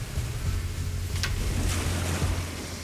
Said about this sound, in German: Da ist das Wasser. Also das ist der Bodensee?